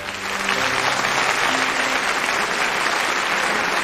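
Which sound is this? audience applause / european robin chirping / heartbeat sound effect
audience applause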